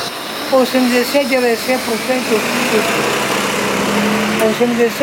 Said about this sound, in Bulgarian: Автобусът спира и тръгва без Венцислав.